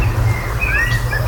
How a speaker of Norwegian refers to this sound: Det ikke alle svarttroster som høres slik ut, men den sangen her synger de visstnok ganske ofte.